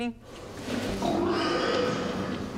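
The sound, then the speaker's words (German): A pig grunts repeatedly, low rough snorts running steadily for a couple of seconds with a faint background murmur. “Wenn es für eine kurze Zeitspanne ist, produzieren die Tiere Grunzlaute.”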